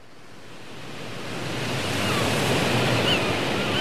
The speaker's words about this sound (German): Wind und See und See und Wind und Wind und See und See und Wind, ich kann Ihnen sagen.